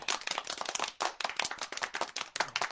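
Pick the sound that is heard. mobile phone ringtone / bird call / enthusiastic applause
enthusiastic applause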